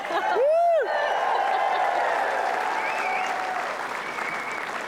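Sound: crowd cheering and applauding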